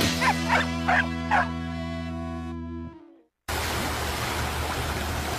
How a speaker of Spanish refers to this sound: ¿Escuchas eso? Son las olas del Pacífico llamándote.